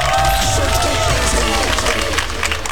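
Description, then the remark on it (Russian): Steady, dense applause on the Humor FM radio show, loud and continuous, with indistinct voices and cheering mixed into the clapping. “Вашему вниманию подборные аплодисменты.”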